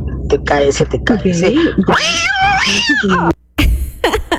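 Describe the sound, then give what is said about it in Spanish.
A cat meows repeatedly in loud, drawn-out, wavering cries that rise and fall, with a brief silence near the end before more yowling. “Por ahí termina todo normal y luego un gato pringado por ahí.”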